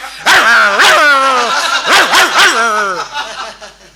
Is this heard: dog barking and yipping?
yes